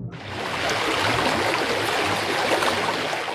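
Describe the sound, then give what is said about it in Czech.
Steady rushing of flowing river water, a dense continuous wash that fills the whole clip at an even, fairly loud level, with no voices over it. “Hurá na vodu, Kláry, děti nasedat, vesty obléknout, pádla do ruky a pořádně zabrat.”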